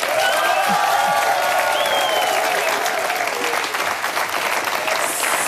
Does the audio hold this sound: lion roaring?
no